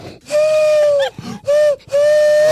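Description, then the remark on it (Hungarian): Three steady, hollow hoots blown through cupped hands imitating a pigeon call, each a long flat whistle-like tone with a slight downward bend at the end, separated by short breathy gaps. “Az edzőterem, hogy helyja, és elkezdi a galamb hangot kiadni.”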